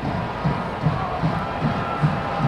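A large crowd roars steadily in a stadium at a women's soccer match, fans applauding their team, the dense wash of cheering broken by regular low thumps, like rhythmic clapping or chanting, about two per second.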